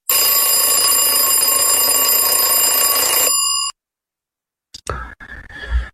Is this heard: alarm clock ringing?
yes